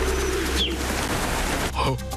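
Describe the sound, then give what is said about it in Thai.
A flock of a keeper's pigeons take off with a steady rushing whistle of wings, brief high chirping tones rising above it, and a louder burst of flapping near the end. “เสียงผิวปากนั่นเจ๋งมากๆเลยครับตอนที่พวกมันบินออกไป”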